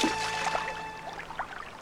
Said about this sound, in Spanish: ¡Pablo, el agua sube!